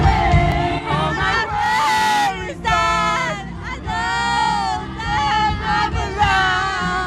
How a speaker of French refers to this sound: C'est beau, une foule qui chante en chœur, ou en tout cas qui lâche prise.